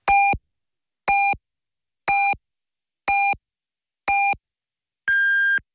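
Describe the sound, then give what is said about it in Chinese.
Six evenly spaced electronic time-signal beeps on radio station Wenlv 881 marking 15:00 Beijing time, one per second: five identical shorter tones followed by a longer, higher-pitched final beep, loud and clean with silence between them and no speech. “文旅881提醒您，现在是北京时间15点整。”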